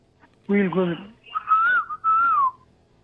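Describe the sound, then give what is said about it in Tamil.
A caller phoning in to a radio show imitates a koel call: a short voiced hoot, then two loud, sliding whistled notes in quick succession, each rising and falling. “ஓ, அதுக்காக தான் குயில் கூவுனீங்களா?”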